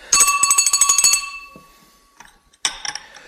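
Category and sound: signal or alarm, telephone ringing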